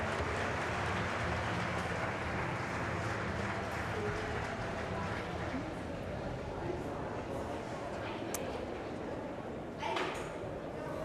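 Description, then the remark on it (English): Loud, sustained applause from a large audience as Andy Burnham leaves the stage with his wife after his first speech as leader of the Labour Party, a dense continuous roar of clapping that holds steady from start to finish with a murmur of crowd voices mixed in. “Andy Burnham leaving there with his wife going behind stage to huge applause, making his first speech as leader of the Labour Party.”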